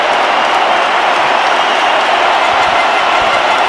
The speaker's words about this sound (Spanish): ¡Qué ovación! ¡Qué clamor! ¡Qué manera de ganarse al público!